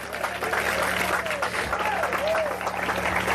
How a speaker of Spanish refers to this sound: Yo quiero ver si usted tiene un fuerte aplauso al Señor en esta hora.